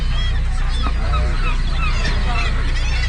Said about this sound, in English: Now, all of these birds here are here for one reason and one reason only, and that is to get lucky. This here is a breeding colony.